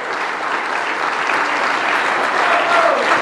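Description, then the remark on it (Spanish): A crowd at a sermon claps steadily and continuously to give applause to the Lord, a dense, even wash of applause that holds its level throughout with a faint whoop rising briefly near the end. “Dele ese aplauso al Señor, por favor.”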